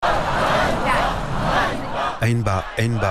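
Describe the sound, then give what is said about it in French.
A large protest crowd in Kyiv, Ukraine, holding signs for Fedorov's return, roars with a dense wash of voices, then breaks into loud, rhythmic chanting of 'shame' (honte) in unison, two strong shouted beats near the end. “Honte, scande la foule.”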